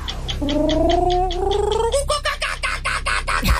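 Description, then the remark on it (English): A human voice imitates a kookaburra call: a rising, warbling hoot that breaks into a rapid, rhythmic chuckling laugh of choppy pulses, fairly loud and continuous for a few seconds. “Is that Kookaburra? Oh, yes.”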